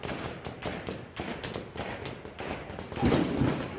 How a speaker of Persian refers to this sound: شلیک ها را شنیدی و زود فهمیدی این صدا با صدای پینتبال و ساچمه فرق دارد. خشکتر است، کوتاه‌تر، بی پژواک. صدای گلوله جنگی است. شاید تو هم حیرت زده به هموطنی نگاه کردی که مسلسل را به روی تو گرفته بود و تا باور کنی شلیک کرد.